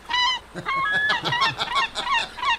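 Seagulls calling with a rapid series of loud, harsh, nasal cries, some rising and some falling in pitch, crowded together over a couple of seconds with no voices.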